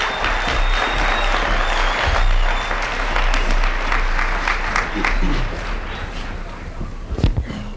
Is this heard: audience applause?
yes